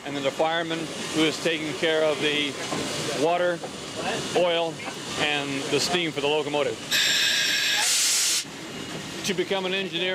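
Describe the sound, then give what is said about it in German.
A man talks steadily, then a loud burst of steam hisses for about a second and a half in the cab of a steam locomotive on a museum railway, before he carries on speaking, with a faint mechanical rumble underneath. “Normalerweise ist der Führerstand nur mit zwei Mann besetzt, dem Lokführer und dem Heizer, der für den richtigen Dampf sorgt.”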